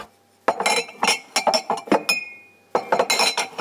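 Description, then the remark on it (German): Drinking glasses clink together during washing up in a quick, irregular series of bright, ringing knocks, with a short pause midway and one note briefly left ringing before the clatter resumes. “So, jetzt die Gläser.”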